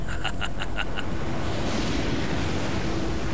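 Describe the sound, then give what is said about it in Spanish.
Rough surf and gusting wind of a fast-approaching storm roar steadily and loudly around a boat, with a few brief rhythmic clanks or creaks in the first second before the broad wash of water and wind continues alone. “Esta tormenta se acerca muy rápido.”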